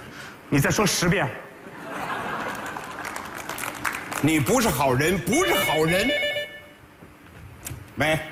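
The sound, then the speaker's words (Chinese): A telephone rings with a bright, trilling bell partway through, mixed with voices talking and a burst of crowd noise like applause or laughter. “对不起，我不是说你，我打完电话再说。”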